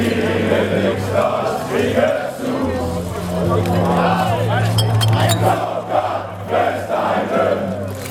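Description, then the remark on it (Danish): A loud, busy crowd chatters and shouts throughout, with a brief cluster of bright clinks of beer glasses ringing out over the babble midway through. “Med øl, klir og alt muligt andet.”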